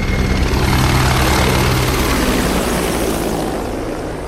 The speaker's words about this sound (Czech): To byl průlet vrtulníku a teď už může začít samotná přísaha.